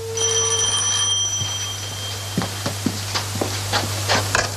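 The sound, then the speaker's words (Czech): A telephone rings with a bright electronic tone for about a second as a call home is placed, then gives way to a steady low line hum broken by scattered crackling clicks. No one speaks. “Pardon, budu se muset ještě na chvíličku zavolat domů, ať u mě vědí, kdy přijedu.”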